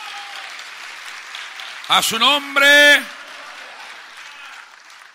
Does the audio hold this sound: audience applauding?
yes